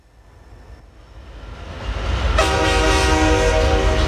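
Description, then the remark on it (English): A train rumbles in, growing louder, then a loud, sustained horn blasts over the rolling noise for the last couple of seconds. No one speaks. “Get on board the choo-choo.”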